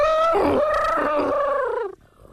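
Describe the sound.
A single loud, brassy vocal blast, someone imitating an elephant trumpeting, wavers for about two seconds before breaking off abruptly.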